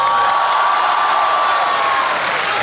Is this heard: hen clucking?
no